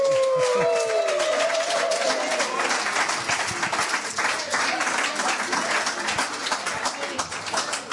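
An audience applauds steadily for several seconds, a dense wash of many hands clapping at once, with a brief tonal whoop or whistle near the start.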